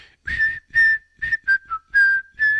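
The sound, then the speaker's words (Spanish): A person whistles a short, bright tune of about seven separate notes, fairly loud, each note carrying a breathy rush of air, with no talking. “a mí sí me gustó, pero te faltó un chiflidito como el de ella para presentarlo.”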